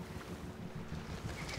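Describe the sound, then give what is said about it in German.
A boat moves across open water, its steady low rumble mixed with wind buffeting the microphone and faint splashing, continuous throughout. “Ich glaube, der nimmt dein Boot.”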